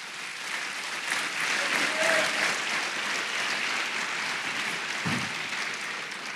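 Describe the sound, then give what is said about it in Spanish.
An audience bursts into sustained applause for the Lord, a dense steady wash of many hands clapping at even loudness for several seconds, with faint voices mixed in. “Aleluya, denle un aplauso al Señor.”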